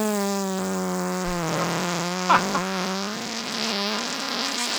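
A recorded fart from March 2021, long and steady, lasting nearly five seconds, a low buzzy drone with rich overtones and slightly wavering pitch, broken by a brief sputtering pop midway, with no voices.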